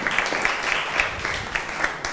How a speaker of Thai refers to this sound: ปรบมือให้กับสื่อดีๆของเราด้วยนะคะ